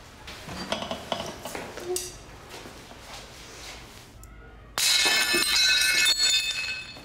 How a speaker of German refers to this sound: Das war zu doll. Es dürfen nicht so viele Scherben werden.